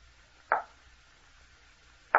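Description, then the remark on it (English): Two sharp, solid knocks at a door, spaced well apart with quiet and a faint low hum in between; no voices. “It sounded like someone at the door.”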